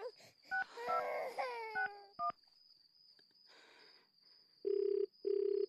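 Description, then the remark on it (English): A baby wails as phone keypad tones beep, then two loud, steady ringback tones of an outgoing call pulse in quick succession, each lasting under half a second. “It's ringing, Ma.”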